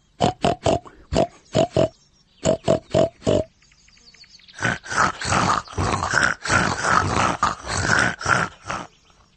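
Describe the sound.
A voice imitates a pig, first with a rhythmic series of short, clipped grunts, then a brief pause, then a longer stretch of loud, rough, continuous snorting and grunting.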